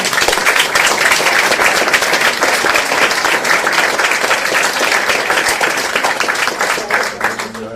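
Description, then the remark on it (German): Steady, dense applause from an audience welcoming a performer being introduced fills the whole stretch, many hands clapping at once at a loud, even level before tapering slightly at the end. “Applaus für”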